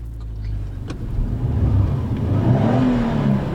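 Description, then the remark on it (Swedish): A Saab car engine revs, heard from inside the car in light rain in Ullången, its low mechanical rumble rising steadily in pitch and loudness over a few seconds, with no one talking. “Nu är det så att det har faktiskt börjat regna här lite Ullången, så att jag har fått krypa in i en bil av märket, hör och häpna, Saab.”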